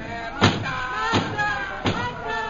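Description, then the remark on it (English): Three heavy, evenly spaced bangs of pounding on a wooden door, each a loud booming thud about two-thirds of a second apart, over a faint background of voices. “Stop that pounding and go away.”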